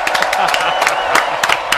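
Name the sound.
audience applause and cheering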